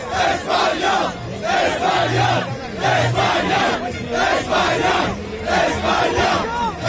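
A large crowd of Spain football fans celebrating a second World Cup title in the streets of New Jersey chants loudly in rhythmic, repeated phrases, voices swelling together in steady waves with a dense, cheering roar filling the background throughout.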